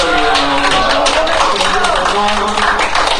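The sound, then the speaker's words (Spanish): A crowd in Loja applauds steadily for a few seconds to greet a visiting singer-songwriter, dense clapping at a loud, even level, with scattered voices and cheers mixed into the noise. “Qué honor tenerte en Loja y qué honor poderlo saludar con un fuerte aplauso.”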